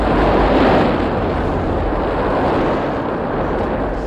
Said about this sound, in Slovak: Pozor, nová vlna! Rýchlo dolu!